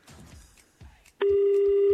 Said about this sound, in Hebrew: או, אני שומע טלפון.